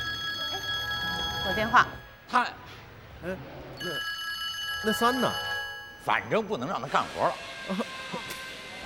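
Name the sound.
phone ringing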